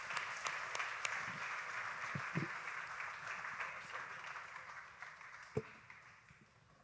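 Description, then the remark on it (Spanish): A crowd at a Christian worship gathering applauds the Lord steadily for several seconds, a dense wash of many hands clapping, with a few brief louder thumps and faint voices mixed in. “Give the Lord an applause.”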